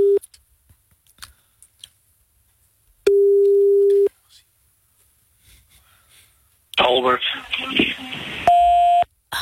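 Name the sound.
phone call ringing tone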